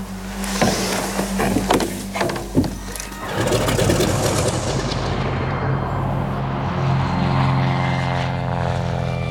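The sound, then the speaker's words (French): A propeller airplane drones loudly as it comes in to land at Barcelona, Spain, in early May 1945, carrying Pierre Laval. Its engine holds a steady, humming roar after a few rough, sputtering bursts at the start. No voices. “Début mai 1945, Pierre Laval s'apprête à atterrir à Barcelone.”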